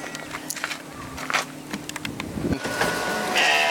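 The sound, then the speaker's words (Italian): Sheep kept shut inside bleating in a wavering, drawn-out way, mixed with scattered knocks, rustling and shuffling that grow into a steady noisy wash near the end. “Lui, che ha le pecore costrette dentro e il suo cucciolo in ospedale.”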